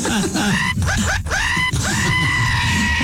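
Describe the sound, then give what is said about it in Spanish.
A voice imitates the anguished screams of pain of a man being circumcised without anesthesia, a few sharp wavering cries leading into one long, drawn-out wail, loud over a continuous rumbling background. “¿Cómo grita?”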